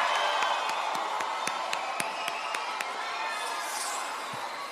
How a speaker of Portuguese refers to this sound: Mando Reis, uma salva de palmas, por favor.